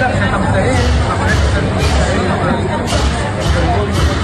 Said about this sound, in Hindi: अरे ये तो बहुत बड़ी शोभा यात्रा है, कितनी भीड़ है। हाँ बेटा, ये शोभा यात्रा पास के बौद्ध विहार जा रही है।